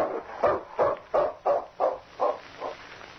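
A trained dog named King barks in a steady, evenly spaced run of about eight barks, fairly loud, growing slightly softer toward the end, with no one talking.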